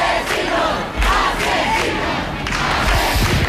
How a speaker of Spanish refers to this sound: Sonido directo de los vecinos gritando asesinos a quienes se la están llevando.